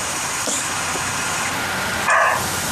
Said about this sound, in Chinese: 这还没脱落呢， 这是个公的，那个， 听听那叫声，这还第一次录到狍子叫啊！